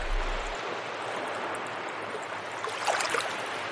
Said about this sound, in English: This is the mouth of the Elwha, and what happens is the water comes out of the Elwha River, comes into Freshwater Bay, and then there's a big gyre that forms right here.